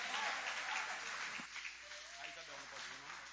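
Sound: audience applauding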